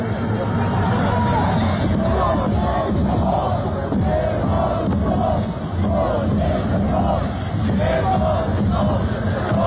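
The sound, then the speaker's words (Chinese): A large crowd of football fans from the XCMG (Xugong) cheering section chants together in steady, rhythmic unison in the stands, with a chant leader on a small stage using a big loudspeaker and drums. Their massed voices are loud and continuous for the whole stretch, with cheering and shouts blending into the roar. “那大家现在看到的是来自徐工的加油助威的方阵。”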